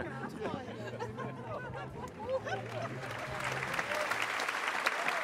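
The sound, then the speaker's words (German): Crowd applause at a Roncalli circus show swells into steady, dense clapping, with a murmur of voices and excited cheering mixed in early on before the clapping takes over, loud and continuous. “Ja, wir hören das auch gerade hier in Applaus.”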